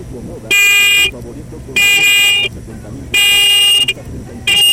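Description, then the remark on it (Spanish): Four loud car horn honks of medium length from a Volkswagen Beetle sound at a steady pace, the last one cut short, with a low rumble and faint voices underneath between blasts. “Va, muñeco, regálame cuatro bocinazos medianitos ahora.”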